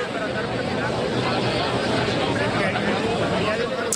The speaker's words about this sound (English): Instead, you're hearing the sound of people milling around. I can see pictures of people in green Mexico jerseys, checking their phones, carrying drinks,